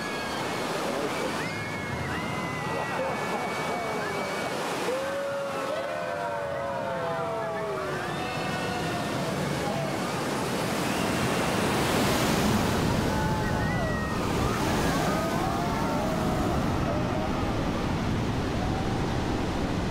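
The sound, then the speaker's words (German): A steady, loud roar of rushing water fills the whole stretch, with excited voices whooping and shouting over it as a raft careens down a water slide with an 18-metre drop and 360-metre length, riding at 40. “18 Meter Höhenunterschied, 360 Meter Länge, fahren mit 40 runter. Ja, unten machen wir einen Überschlag. Schauen wir mal, heute haben wir genug Wasser, könnten ein paar nass werden.”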